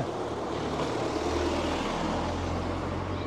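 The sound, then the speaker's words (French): A steady, unbroken wash of traffic noise on a very busy street, low engine rumble under a broad hiss of passing vehicles, with no voices and no pauses in the flow. “Oui, cette rue est très fréquente. C'est une rue très passante.”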